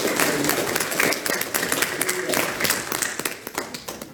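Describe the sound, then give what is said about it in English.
Audience applause for the dads fills the moment, a dense, steady wash of many hands clapping at once, loud and continuous for about four seconds with a murmur of voices underneath. “Let's give the dads another round of applause.”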